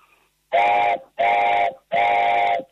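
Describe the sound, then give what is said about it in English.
A wooden train whistle made from one piece of pine gives three loud, sustained chord-like blasts of about half a second each, evenly spaced, with a breathy hiss under the tones and no talking. “So close your eyes, and I'm going to blow it now, and then I want you to visualise a train going in Canada around the Rockies.”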